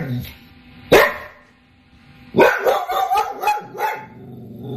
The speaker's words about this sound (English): Anytime he sees anything out the window, the dog starts barking, waking me up.